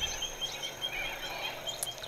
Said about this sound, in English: There, the birds are from our own Bega River, actually.